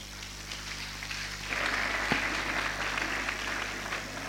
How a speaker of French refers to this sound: S'il vous plaît, je vous demande d'applaudir encore très fort pour le ministre.